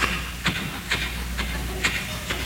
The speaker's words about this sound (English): Then he takes off his shoes and walks across the grass.